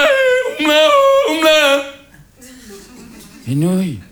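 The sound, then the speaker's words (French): A single voice sings a Tyrolean yodel, the Tyrolean cousin's song sung as a ritual before the noodles are eaten, its pitch flipping between low and high notes in short phrases, then after a brief pause a final swooping, drawn-out cry. “Je peux pas toucher une nouille avant que le cousin tyrolien ait fini sa chanson.”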